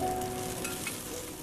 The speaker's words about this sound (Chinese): 食物在铁板上滋滋